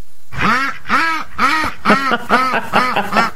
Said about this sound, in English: Oh, our ducks are loose again.